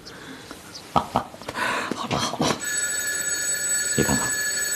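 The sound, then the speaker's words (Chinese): After some soft shuffling and brief vocal sounds, a home telephone starts ringing with a steady, shrill electric bell tone that continues through the end. “家里电话都有了。”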